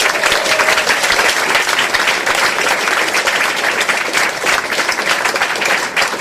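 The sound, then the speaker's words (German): An audience applauds a singer steadily and loudly for several seconds, a dense wash of many hands clapping at once without a break, with no voices on top. “Applaus für Gesine Schäfer!”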